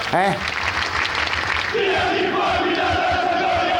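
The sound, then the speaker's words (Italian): A large crowd of football fans protesting against their club's management roars, then breaks into a loud, sustained chant sung in unison, voices merging into one steady drawn-out tone over the general din of the stands. “Fatemi sentire quello che dicono i tifosi.”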